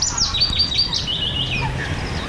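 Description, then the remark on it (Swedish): A chaffinch sings a quick, bright series of high chirping notes that run together into a short descending phrase, heard over a steady low rumble, at Björke in Ostrobothnia, Finland, in the Kvarken World Natural Heritage Site. “Ja, men inte ett ljud, ingen det här en bofink sjunger, konstigt nog, fast det finns bofinkar här på plats och sevsparvar.”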